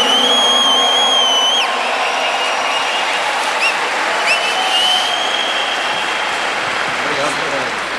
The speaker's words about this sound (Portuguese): Mais uma vez, uma grande salva de palmas para Dom Carlos. Vamos fazer barulho para ele.